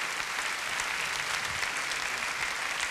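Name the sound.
audience applauding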